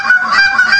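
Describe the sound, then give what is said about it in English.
A loud, sustained honking tone with a nasal, reedy edge, unbroken for under a second — a championship goose caller imitating a goose honk on a goose call. “demonstrating his championship goose calling technique”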